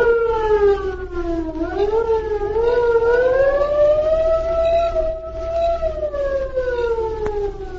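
A distant air raid siren wails steadily over a city after dark, signalling that bombers are coming, its tone slowly rising and falling in a long, mournful sweep. It fills the scene, with a low rumble beneath and no talking.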